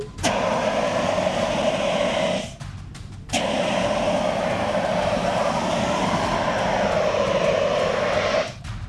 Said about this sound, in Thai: คราวนี้จะใช้น้ำมันเป็นเชื้อเพลิงแต่เดี๋ยวพี่จะใช้ CO2ฉีดดับให้ดูก่อนว่ามันดับได้จริงๆนะครับนี่ครับ CO2